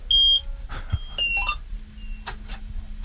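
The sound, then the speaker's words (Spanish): A few high electronic beeps chime, followed by a low, steady engine hum that starts up and keeps droning, like a combine harvester being started with its key. “Bueno, no sé si encender, tiene un botón de encendido la cosechadora, no sé cómo... Tiene una llave como un coche y sí.”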